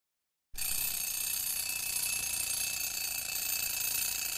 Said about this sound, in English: Don't you hear that alarm clock? Get on out of that bed and wash your simple head. Can't you hear that alarm clock?